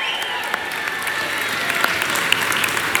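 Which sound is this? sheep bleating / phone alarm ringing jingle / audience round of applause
audience round of applause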